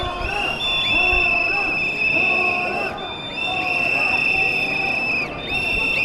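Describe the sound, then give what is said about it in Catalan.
A crowd of Catalan protesters of the Assemblea Nacional Catalana, carrying yellow umbrellas and estelada flags, whistles in protest at King Felipe VI in Catalonia, many shrill, sustained whistles overlapping with brief pauses, over a loud bed of crowd noise and voices. “Carregats amb paraigües grocs estelades i amb una mascareta per, diuen, no contagiar-se de la pesta borbònica, han rebut Felip VI amb una xiulada.”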